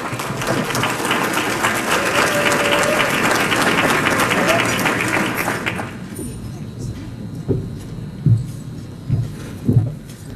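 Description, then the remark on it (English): A crowd applauds as Goodyear's Community Affairs and Engagement Director is invited to the stage, a steady, dense wash of clapping for about six seconds, then it cuts off abruptly, leaving a quiet murmur and a few dull thumps. “Let's receive her with a round of applause.”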